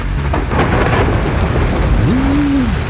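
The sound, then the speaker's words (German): A weekend thunderstorm with steady, heavy rain hissing throughout and deep thunder rumbling low underneath, loud. A brief rising-and-falling tone sounds near the end. “und für viele klang das Wochenende ja leider so.”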